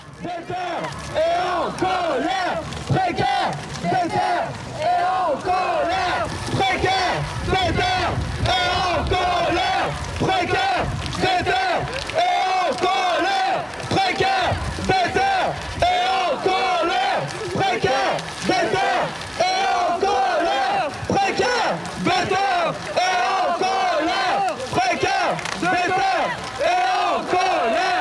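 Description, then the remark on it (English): A large crowd chants loudly and continuously at a protest, many voices shouting together in a steady, rhythmic cadence with repeated surges throughout. “I have mixed recordings made during demonstrations, sound creation, and political reflections, all assembled to illustrate the bubbling political atmosphere and sonic environment of this period.”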